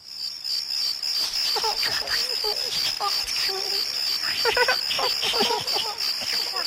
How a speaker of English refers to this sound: Can you hear the crickets?